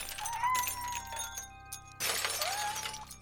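Street lamp glass shatters twice in quick succession, each burst a sharp, bright crash trailing into high ringing tinkles; the second break is louder and lasts longer, with no voices.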